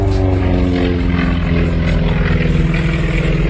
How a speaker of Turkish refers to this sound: Eskişehir'in Sivrihisar ilçesindeki havacılık merkezi 11. Air Show'a ev sahipliği yaptı. Etkinlikte Türk havacılık tarihinin önemli uçaklarının uçabilen replikaları gökyüzüyle buluştu.